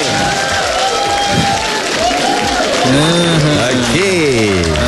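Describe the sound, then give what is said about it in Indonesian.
An audience claps steadily and loudly for about five seconds, a dense crackling wash of applause, with raised voices and cheers rising over it in the second half; applause thanking those who shared that morning and the contest prize winners. “Okay, apa pun kita bagi tepuk tangan dulu untuk pagi ni.”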